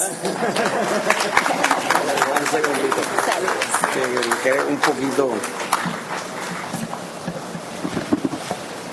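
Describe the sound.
A crowd claps steadily for several seconds, mixed with cheering and overlapping voices, welcoming the commander of the Texas state department of Disabled American Veterans (DAV) for a special recognition, then the applause thins out and fades toward the end.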